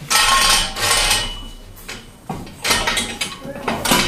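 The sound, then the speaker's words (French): A mechanism rumbles and grinds as a heavy metal column is lowered, with a few metallic clanks and scraping bursts along the way, fairly loud. “On a donc un système qui nous permet de descendre une colonne... Sur toi. On va avoir une colonne qui descend.”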